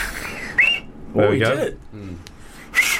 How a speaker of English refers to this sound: She's practicing 29 different whistles. Different ways of whistling.